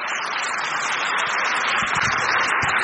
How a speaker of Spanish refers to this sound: ¡Aplauso para el Señor! ¡Qué hermoso!